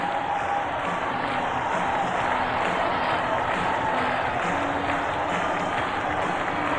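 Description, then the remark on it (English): A huge crowd at San Jose Arena roars without letup as hats fly after Sergei Makarov completes a hat trick for the Sharks with a penalty shot, a dense, steady wall of cheering and shouting that stays loud from start to finish, with no single voice standing out. “All over the place is the crowd going wild.”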